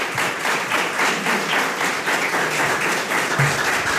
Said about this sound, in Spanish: Así que gracias, Ismael, y recibe el aplauso. Muchas gracias.